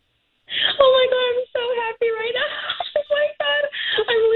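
A radio show caller who won a pair of sold-out concert tickets screams in a series of loud, high-pitched, wavering bursts separated by brief breaths, the pitch rising and dipping as the voice strains, with no other talking.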